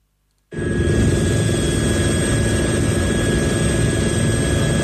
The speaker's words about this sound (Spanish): Este o son dun dos helicópteros que participan nas tarefas de extinción do lume que se rexistran no concello lugués de Navia de Suarna